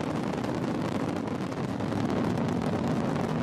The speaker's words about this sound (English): And more sounds from that SpaceX liftoff today, carrying those astronauts to the International Space Station. So listen in. All nine Merlin engines on the first stage at maximum thrust of 1.7 million pounds.